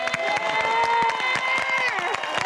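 An audience at a stage show applauds a song steadily for the whole moment, a dense patter of irregular claps layered over sustained musical tones that hold and then slide downward near the end.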